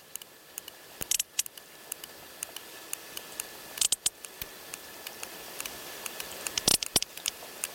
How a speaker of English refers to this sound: This is the sound of another sperm whale from the eastern Mediterranean.